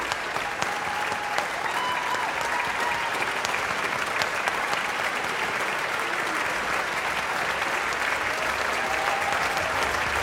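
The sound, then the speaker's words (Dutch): A large concert audience applauds steadily and continuously after a concerto, the hall presenter clapping too, a dense wash of many hands clapping at an even volume for the whole stretch, with a few faint voices murmuring underneath. “We horen hem klappen.”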